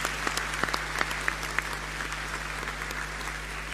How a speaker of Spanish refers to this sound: Un aplauso a todo el apostolado de la oración.